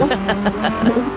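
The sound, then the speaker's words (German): A voice imitates a car engine pulling away from a petrol station after a fill-up, a buzzing rumble pulsing in quick regular bursts with a slight rise in pitch near the end. “Gehen Sie gerne inzwischen einen Kaffee trinken, ja, und dann siehst du, wie dein Auto wegfährt.”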